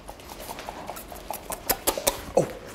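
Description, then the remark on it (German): The small hooves of piglets patter and clatter over a hard floor in quick, uneven taps, growing louder and sharper toward the end as the piglets run around. “Die sind ja nachts da hinten und wenn sie jetzt hier rinkommen, ja, mehr Fläche zum Rennen.”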